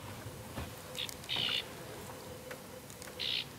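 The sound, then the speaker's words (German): Birds in the reeds surrounding the Federsee, a moor lake in southwestern Germany, give a few short, high, buzzy calls, two clear bursts plus a brief fainter one, over a quiet, steady outdoor background with no talking. “Zig seltene Vogelarten leben im Schilf, das den ganzen See umgibt.”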